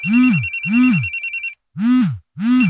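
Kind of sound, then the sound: signal or alarm, telephone ringing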